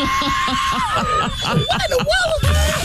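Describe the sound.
A man vocally mimics the screech of a low plane that flew past his house, a sustained high whistling tone that bends and wavers for a few seconds, with low rhythmic throaty pulses underneath, loud.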